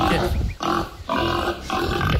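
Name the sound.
pig grunting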